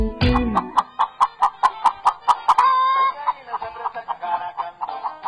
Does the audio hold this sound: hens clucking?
yes